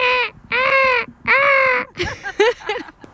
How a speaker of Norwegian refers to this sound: Hvordan høres det ut da? Bølgeskvulp og måkeskrik.